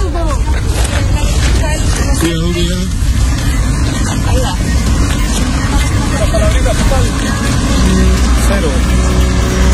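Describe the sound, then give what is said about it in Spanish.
The car of regional prosecutor Julio Contardo rolls slowly away from the ferry area by the Loncomilla River. Its low engine rumble is steady and fairly loud throughout, with indistinct voices and general commotion mixed in around it. “Salió nomás, lento su vehículo”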